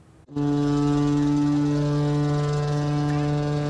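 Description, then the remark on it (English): A cargo ship's horn at Nanning Port, on the Pinglu Canal waterway, sounds one long, deep, steady blast. It starts abruptly after a brief moment of quiet and holds loud and unwavering, a rich low drone. “Hear ship horns, you know trade is moving.”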